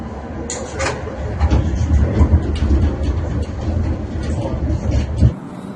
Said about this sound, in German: Über den Linienweg der Linie 1 erreichte der Fahrschulzug wieder das Barosch-Depot, wo auch einige historische Wagen stehen.